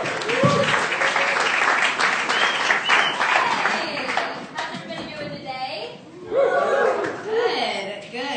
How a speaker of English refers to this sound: This next comic, she's a cast member at Chicago Underground Comedy. It's one of the best shows in the city every Tuesday at Beat Kitchen. Clap it up right now